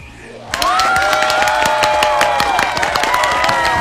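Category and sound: crowd, loud applause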